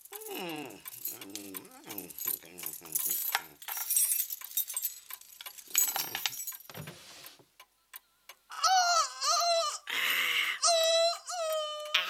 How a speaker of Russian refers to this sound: Вот здесь у меня были ключи всю ночь. Слышите? Вот тут, в кармане.